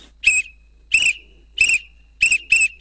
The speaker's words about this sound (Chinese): 吹口哨的时候都是一定要有一个步数的，就是好像跟我们跑步一二一吹的时候都是。